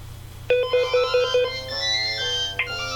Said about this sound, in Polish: A powtórzy drugi raz mój numer, czy nie? Nie. Już tylko niestety raz. Nie. Tylko raz powie i potem już będziemy słyszeć tylko dzwonek.